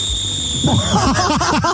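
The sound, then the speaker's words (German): A lifeguard demonstrates an angry whistle, as if someone walked in with dirty feet. A single sharp, steady whistle blast sounds shrill and insistent for about a second, then cuts off abruptly as a jumble of bouncy, pitch-sliding voiced sounds takes over. “Nee, du bist richtig sauer, weil jemand wieder mit dreckigen Füßen reingeht.”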